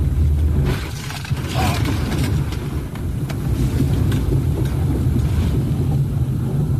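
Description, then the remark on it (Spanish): Loud, steady roar of rushing floodwater carrying a man in a white utility pickup truck, with another vehicle beside it also swept along fast, low rumbling and scattered sharp knocks and crashes breaking through the constant churning flow. “Lo que podemos ver es cómo el agua va llevándolo con su camioneta de color blanco, solamente para reiterar cómo la fuerza con la que bajó el agua en esa zona, incluso se logra ver otro vehículo a un costado del suyo que va bajando a rápida velocidad”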